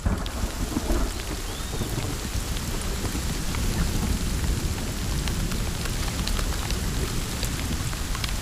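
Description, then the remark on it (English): Heavy rain from a storm pours down steadily in a dense, unbroken hiss as the air temperature drops to 10 degrees Celsius, with a deep low rumble underneath like thunder; no voices, just the constant wash of a downpour. “When it rains, the air temperature plummets to 10 degrees Celsius.”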